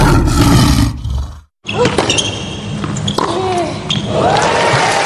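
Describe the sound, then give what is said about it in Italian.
A lion roars loudly, a deep rumbling growl that breaks off into a brief silence before a dense, noisy wash of sound resumes through the rest. “San Marco Petroli, ci riconosci dal leone.”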